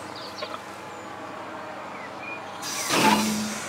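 A steady low rumble of idling machinery, then a sudden loud hiss of compressed air bursting out as the air brakes of a freight train loaded with railway rails vent during the mandatory brake test before departure in Oldenburg, Germany, continuing to the end.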